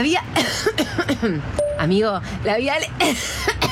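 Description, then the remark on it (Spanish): A person coughs several times in rough bursts, mixed with strained vocal sounds and groans between the coughs. “Cuando la tos toma el control, probá Disolvón.”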